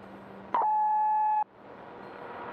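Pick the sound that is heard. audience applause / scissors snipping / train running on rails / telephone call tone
telephone call tone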